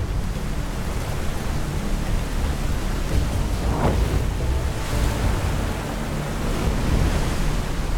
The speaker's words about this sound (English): Once we were dropping into the lower parts of the Blanco, that's when things got serious. We got to the confluence, the river doubled up on size. It was just so hard, white water.